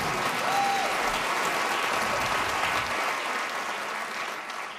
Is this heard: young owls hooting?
no